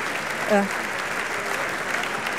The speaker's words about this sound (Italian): Tutto il cast, cioè tutta la crew, vogliamo, di Emma Dante esce a raccogliere gli applausi.